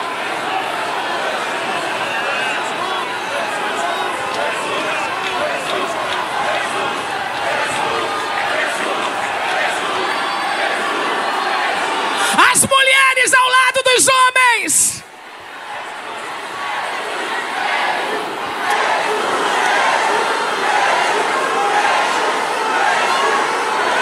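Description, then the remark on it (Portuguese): An audience shouts and cheers in a dense, sustained roar of many voices, peaking in a few seconds of loud, ringing cries before a brief dip as the crowd noise swells again. “Meu Deus, há quanto tempo a gente não grita assim?”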